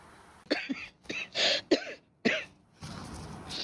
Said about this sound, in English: I'm sorry, coughing so often, but as long as the world still has heavy karma and we cannot clean it all up yet, then I still have this cough I have to carry. But it's clear, it's clean, it's not contagious or anything.